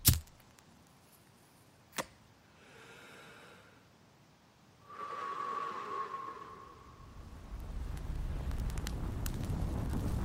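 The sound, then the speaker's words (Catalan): A sharp strike, then a rushing whoosh as a fire catches and swells into a steady, low roar of burning flames that keeps growing louder toward the end. “Foc és foc.”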